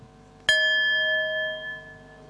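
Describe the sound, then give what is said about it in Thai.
A single bell is struck once as a signal for a group to open their eyes, ringing out clear and bright with steady harmonic overtones that sustain and slowly fade over about two seconds, with no talking. “เดี๋ยวให้สัญญาณระฆังเราลืมตาแล้วก็ทำความรู้จักกับเพื่อนที่อยู่ตรงหน้าของเรา”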